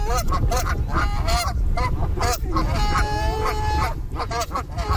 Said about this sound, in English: the actual act of feeding them will actually habituate them to people, which isn't always a good idea because not everybody really appreciates having a goose coming up close to them.